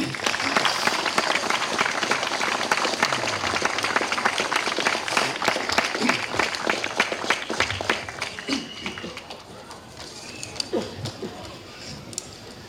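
A crowd applauds loudly at an awards ceremony honoring a prize winner from a riding club, dense clapping filling the first eight seconds before thinning out to scattered claps and fading toward the end.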